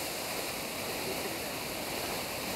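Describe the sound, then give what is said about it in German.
A steady, hissing rush of water sprays continuously for the whole clip, a bright even wash of noise with no breaks and no voices. “Sehen wir gerade, in dem Moment, wenn das Wasser kommt, dann haut sie ab.”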